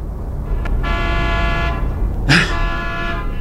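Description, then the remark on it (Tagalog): Car horns honk amid rumbling traffic: a long sustained blast, then a sharper second honk, with steady engine noise underneath and no talking. “Traffic na sad.”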